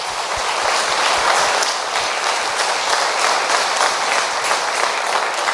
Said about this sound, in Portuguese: Amém! Palmas para Jesus, né?